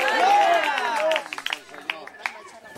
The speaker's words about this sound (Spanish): Denle fuerte ese aplauso al Señor en esta hora. ¡A su nombre!